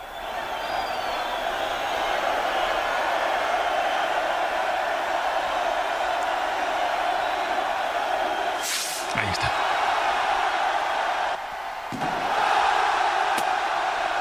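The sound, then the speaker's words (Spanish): A dense crowd in the Plaza del Ayuntamiento, Pamplona, Spain, roars and cheers steadily on 6 July at the opening of the San Fermín festival, broken midway by the sharp burst of the chupinazo rocket and a second loud swell of noise as the cheering surges again. “Ahora deberá sonar el estallido del chupinazo.”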